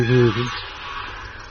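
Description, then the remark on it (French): A goose gives one loud, nasal honk lasting about a third of a second, then fades into a soft, hissy background with no further calls. “Quoi, c'est vraiment sur les oies? Oui, les oies.”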